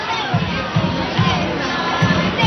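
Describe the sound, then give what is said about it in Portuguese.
A stadium crowd cheers from the stands at a women's football match between Portugal and Latvia in a dense, sustained roar, with low rhythmic swells pulsing through it roughly every half second, as if the fans are chanting or clapping together. “Animou-se as bancadas, Eduardo.”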